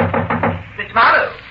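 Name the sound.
knock on a door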